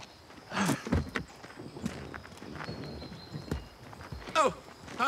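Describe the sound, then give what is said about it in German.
Several heavy footsteps crunch and thud over rough ground at an uneven pace as someone tramples over tracks, with a faint steady hum in the background and no clear speech. “Sie trampeln die ganzen Spuren zusammen.”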